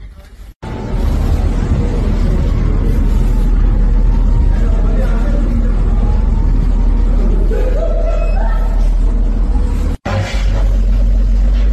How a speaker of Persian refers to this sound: همونجور که میبینید ترافیک هم از سمت شیراز و لار در جریانه به سمت بندر عباس و از اونورم از طرف بندر عباس هم در جریانه. خب این پل یکی از پل‌های حیاتی منطقه است، وصل بندر عباس به لارستان جزو جریان اصلیه.